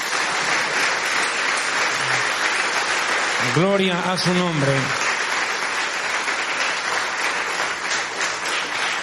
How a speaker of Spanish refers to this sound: Den un fuerte aplauso al Señor, amén.